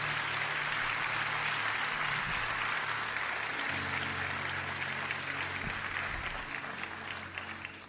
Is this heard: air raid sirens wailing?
no